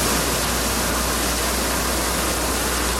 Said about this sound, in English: In Banff, a playground and some pathways have been closed because of rising water. Tiger dams and sandbags have been put out as a precaution, and tourists and residents are being warned to stay well back of the rushing river.